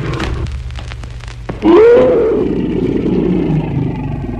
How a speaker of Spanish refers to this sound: El tigre cayó sobre Calimán. Hombre y bestia rodaron por el suelo confundiéndose entre sí. Luego el tigre lanzó un rugido ahogado de muerte.